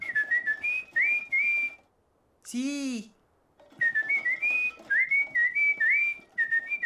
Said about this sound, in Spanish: Me encanta silbar, de verdad me encanta. Entre más lo hago, mucho más me gusta.